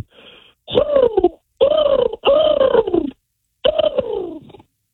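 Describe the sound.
A person imitates a bird call, one used among friends to find each other at festivals, with four loud, drawn-out vocal cries, each sliding downward in pitch, spaced by brief pauses.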